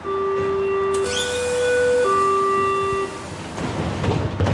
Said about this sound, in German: Potsdam Hauptbahnhof, Gleis 5. Menschen warten auf die S-Bahn Richtung Berlin.